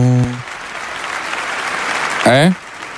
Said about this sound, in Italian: Senti, gli applausi che arrivano.